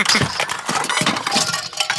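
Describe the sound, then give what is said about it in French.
A continuous clatter of books, construction toys and toy cars knocked over by a duck and tumbling down, with many quick, bright clinks and knocks piling on top of each other for about two seconds. No voices. “Le canard fait tout tomber sur son passage.”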